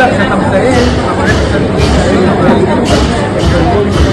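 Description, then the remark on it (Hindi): Dense crowd chatter at a large Buddhist religious procession heading to a nearby Buddhist vihara: many overlapping voices blend into a loud, steady murmur with no single voice standing out, holding an even level throughout. “अरे ये तो बहुत बड़ी शोभा यात्रा है, कितनी भीड़ है।”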